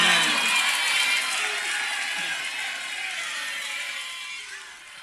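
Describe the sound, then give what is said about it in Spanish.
A crowd applauds Abel Pinto Vieja with scattered cheers, a dense, steady wash of clapping that stays loud throughout and tapers slightly toward the end. “Y un aplauso enorme para Abel Pinto Vieja.”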